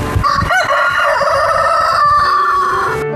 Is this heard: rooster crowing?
yes